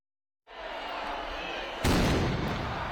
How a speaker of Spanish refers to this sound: Con el tradicional cañonazo vuelve a arrancar la Semana Grande de Donostia.